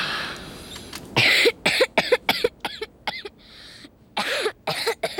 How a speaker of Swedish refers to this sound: Ibland, när jag hostade jättemycket, kokade Jonathan honungsvatten.